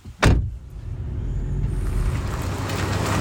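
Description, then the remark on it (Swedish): A car door slams shut with one solid thud, then a small red car's engine rumbles steadily and grows louder as it pulls away in Påryd, driving off to collect a driving licence. No voices. “Nu sätter vi oss i din lilla röda bil. Ja. Och så åker vi iväg här i Påryd.”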